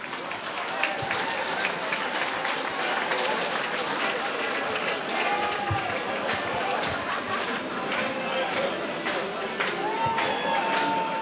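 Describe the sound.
A crowd at Åskogens Folkets Park applauds a nominee steadily, a dense wash of clapping hands that holds at an even loudness throughout, with scattered whoops and murmured voices mixed in.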